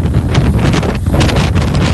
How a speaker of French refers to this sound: On entend le vent.